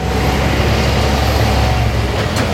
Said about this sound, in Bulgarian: Пътят Видин-София, 7 сутринта, село Липен. Интензивен трафик и мокра настилка.